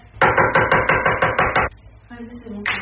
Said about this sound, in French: Du maquillage, une console de jeu, un ordinateur, un téléphone, tout y passe. Les objets sont jetés par terre ou même explosés avec un marteau.